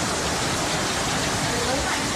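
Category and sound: nature, heavy rain and hail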